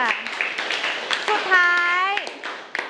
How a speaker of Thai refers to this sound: อ๋อโอเคค่ะขอปรบมือเพื่อนหน่อยค่ะ